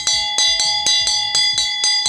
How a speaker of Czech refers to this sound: A přesně tenhle zvuk, tenhle zvonek uslyšíte ve zdejší čarodějnické škole, mimo jiné samozřejmě.